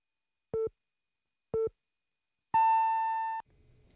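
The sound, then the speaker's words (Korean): CBS radio noon time signal, sponsored by EHL Bio: two short mid-pitched beeps a second apart, then a longer, higher tone lasting nearly a second. A faint low hum follows once it ends. “당신을 지키는 EHL 바이오가 12시를 알려드립니다.”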